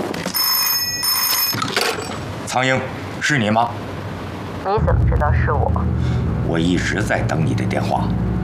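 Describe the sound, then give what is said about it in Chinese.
An old-style telephone bell rings in two quick bursts near the start, fairly loud, then stops as voices take over and people talk over a steady low background hum. “我一直在等你的电话，怎么样？”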